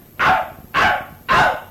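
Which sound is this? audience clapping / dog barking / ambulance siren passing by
dog barking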